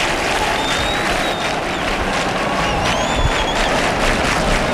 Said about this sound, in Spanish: Y aquí las palmas en el exterior.